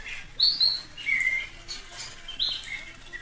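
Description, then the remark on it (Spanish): A small bird perched out in the rain, not sheltering among tree branches, sings in short, bright chirping phrases, with a steady soft patter of rain in the background and no voices. “Bueno, no así la tormenta, pues, pero normalmente se protegen entre las ramas de los árboles y este no, ahí está paradito, cante y cante.”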